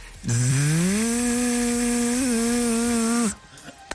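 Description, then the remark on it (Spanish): A hypnotized young man at a hypnosis show imitates a buzzing mosquito with one steady, droning hum lasting about three seconds. It is loud and low-pitched, climbing slightly at the start before holding level, then cutting off abruptly. “Dije, ¿y eso qué es? Un mosquito.”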